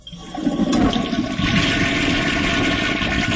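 A toilet flushes loudly, a sudden surge of rushing, gurgling water that holds steady as a full whoosh for a few seconds, with no voices.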